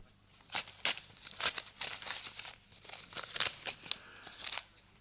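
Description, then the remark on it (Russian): Paper crinkles and rips as a package delivered for the professor is torn open, a run of crisp tearing and rustling bursts in quick succession with no talking. “Пакет господину профессору.”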